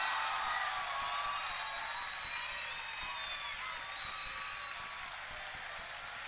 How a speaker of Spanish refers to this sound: Quiero pedir un fuerte aplauso para el señor Jorge Rizzo en guitarra.